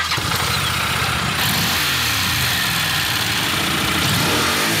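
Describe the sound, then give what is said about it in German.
A Honda NC 750X motorcycle engine revs loud, its deep mid-range growl rising and falling steadily over several seconds with no voices. “Das ist das gute Stück. NC 750X. Eine Honda.”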